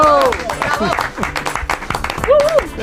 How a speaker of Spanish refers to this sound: Oye, aplauso. Sí, ¿no? Aplauso a Brasero.